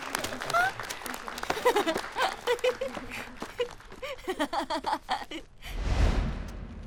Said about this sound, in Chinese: 这些都是你的，大家鼓掌